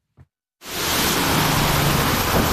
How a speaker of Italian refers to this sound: Salgo in macchina con Maria Esther González mentre piove a dirotto.